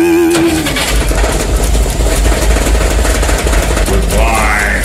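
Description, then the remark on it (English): A car engine cranks and catches, then runs loudly with a steady, heavy low rumble throughout, ending with a rising revving whine near the close. No voices are heard. “He went out and got into the car.”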